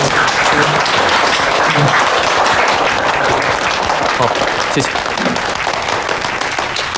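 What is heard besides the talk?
warm audience applause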